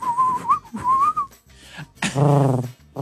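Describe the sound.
A person whistles two short rising-and-falling tones, then gives a low, breathy hooting coo, imitating a pigeon; fairly loud, with no talking.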